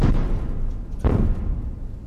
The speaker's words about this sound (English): We heard these explosions for hours near NPR's bureau in Kyiv. The Russian attack started fires around the city and destroyed an apartment building, trapping residents under the rubble.